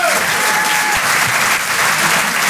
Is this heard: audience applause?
yes